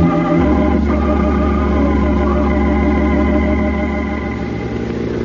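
A truck engine rumbles loudly, its deep, steady drone shifting slightly at the start as the truck is slipped into gear, then holding an even pitch. No one speaks.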